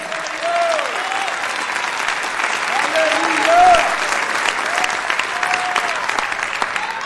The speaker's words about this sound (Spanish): Denle fuerte ese aplauso al Señor.